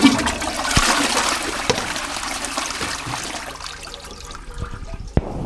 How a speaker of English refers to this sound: And could you activate the sacred flush.